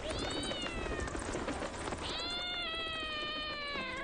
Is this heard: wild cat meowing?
yes